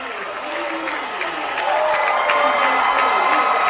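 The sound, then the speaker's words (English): A record crowd of 7,003 Troy University fans cheers and applauds steadily after Troy beats Little Rock to reach the College World Series, with a dense wash of clapping and excited voices that swells louder about halfway through and stays strong to the end. “Listen to the Trojan faithful.”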